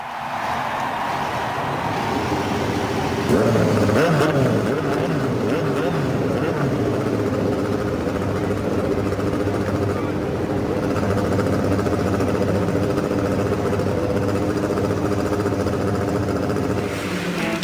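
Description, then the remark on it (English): Several race car engines fire up together at the start of the 91st Indianapolis 500 at Indianapolis Motor Speedway and settle into a loud, steady, throaty idle, a continuous layered rumble that holds for the whole stretch with faint background voices. “Ladies and gentlemen, start your engines.”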